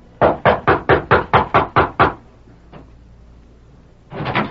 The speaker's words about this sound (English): It was at 10 o'clock on a bright summer morning that George Casey, foreman of the Flying W, rapped at the back door of the ranch house.